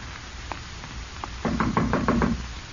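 A few light, scattered taps on a door, then a quick burst of about six firm, rapid knocks, with no voices.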